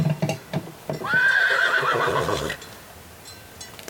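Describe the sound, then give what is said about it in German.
A horse whinnies loudly for about a second and a half, a wavering, high-pitched call, preceded by a few sharp clopping hoofbeats and followed by quieter rustling. “Die Pferde waren mir wichtig, ich wollte die Reise mit den Pferden machen.”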